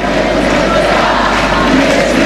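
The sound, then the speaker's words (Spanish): A huge stadium crowd chants "Y Messi no se va" in unison, a loud, dense roar of many voices that holds steady and unbroken throughout. “Este es el real sentimiento de la gente.”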